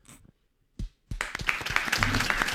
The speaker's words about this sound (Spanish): Primero que nada, para seguir la consigna de Barilli, vamos a aplaudir al capitán de la selección nacional.